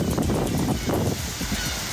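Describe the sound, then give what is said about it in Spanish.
Wind and sea on the coast at Puerto de Barquito, Chañaral, on a sunny, windy day make a steady, full roar with no pauses, gusting slightly but holding an even loudness throughout. No one speaks. “Escuchemos el lindo mar y el viento en Chañaral.”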